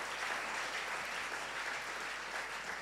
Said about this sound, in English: They have done so well. What we know is science and maths for the SHS, and it has come to stay. But this one is English. It has never happened anywhere but Osekrum by Multimedia Group. So shall we clap again for them?